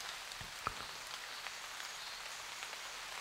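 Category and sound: nature, rain falling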